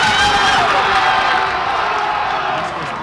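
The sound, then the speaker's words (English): A loud, dense crowd at a World Cup watch party in Northeast D.C. cheers and shouts continuously, with overlapping whoops and yells forming a steady roar that eases off slightly toward the end. “In Northeast D.C. today, there was a World Cup watch party.”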